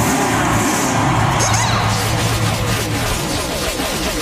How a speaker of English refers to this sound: Drivers! Start your engine!